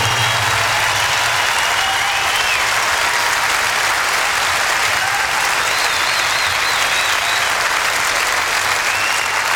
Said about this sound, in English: But you know, it wouldn't have been at all possible without the best production and road crew in the entire world. And I want you to give them a big round of applause.